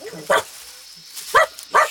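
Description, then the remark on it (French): A dog, Milou, barks at an elephant three times in short, sharp bursts, one early, then a pause before two closer together; the barks are fairly loud, with a quiet background between them. “Tais-toi, Milou, il ne faut pas l'effrayer.”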